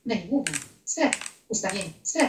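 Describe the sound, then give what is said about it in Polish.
Four clicks, roughly evenly spaced over a couple of seconds, each with a sharp, bright onset, like buttons pressed while moving through a TV menu. “no nie wiem, na ile to będzie słychać, dotykam, znaczy klikam.”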